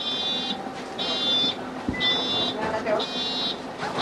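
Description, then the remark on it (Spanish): A mechanical bus wheelchair ramp deploying at a stop in Valencia, Spain, so a passenger can get off the bus, its high-pitched warning beeper sounding four steady half-second tones about once a second, over a low street rumble and faint voices. “Sí, por suerte ha llegado un autobús que tenía la rampa mecánica”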